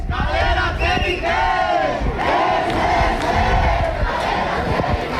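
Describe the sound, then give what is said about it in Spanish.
About a hundred protesters shout and chant together in front of a building cordoned off by a large deployment of Ertzaintza police, a loud, continuous mass of voices with rising collective yells and overlapping cries, steady in volume throughout. “Un centenar de personas se han manifestado frente al edificio acordonado por un amplio despliegue de la Ertzaintza.”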